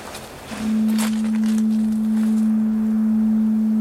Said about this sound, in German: Das Nebelhorn.